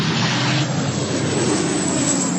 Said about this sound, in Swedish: På bilder från Reuters ser man människor som har klivit ur sina bilar på en motorväg som står och tittar på när vattenbombningsflyg släpper vatten en bit ifrån dem längs med motorvägen.